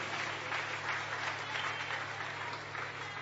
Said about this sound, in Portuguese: Quem recebe esta palavra, pode aplaudir ao Senhor bem forte, bem alegre e bem feliz.